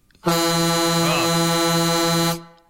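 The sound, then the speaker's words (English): A friend's loud vehicle horn, which replaced the klaxon he used to have, blares in one long, steady blast of about two seconds, harmonically rich and brassy, with a slight wavering in pitch partway through before it cuts off. “That's a loud horn you've got there now.”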